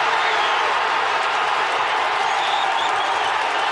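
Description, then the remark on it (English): A large fan crowd at the FIFA Fan Festival in Toronto roars in celebration as Canada scores against Bosnia-Herzegovina in a World Cup match, a dense, loud wall of cheering and clapping that holds steady for the whole moment without letting up. “Second half substitute Kyle Larin smashed the ball into the Bosnia net and the crowd at the FIFA Fan Festival in Toronto erupted”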